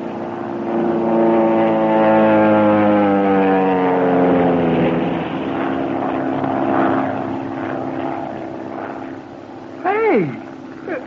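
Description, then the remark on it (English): A propeller airplane making one of repeated attacking dives roars in low overhead, its engine tone sliding downward as it passes, then fades into a steady rumble before a brief sharp whine near the end. “I would suggest we all sit perfectly still, make no move as the plane goes over, and concentrate on trying to discover their purpose in these repeated dives.”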